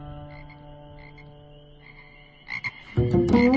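A frog croaks. A low, steady droning call gives way to two short croaks, then a loud, rasping croak near the end. No one speaks.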